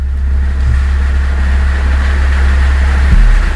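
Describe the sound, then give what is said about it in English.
A car engine runs steadily, a loud, low rumbling idle that holds throughout with a slight surge near the end; no one speaks. “someone needs to fix that car.”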